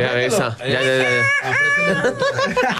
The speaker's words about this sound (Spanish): No, papi, pero ya cantó el gallo.